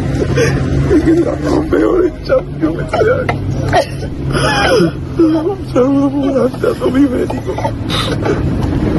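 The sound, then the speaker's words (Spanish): A young football player leaving Betis sobs and cries uncontrollably in wavering, broken wails with catching breaths, loud over a low steady hum and murmuring background noise. “Roto absolutamente, …, con esas lágrimas y llorando, vamos, y desconsoladamente el chaval”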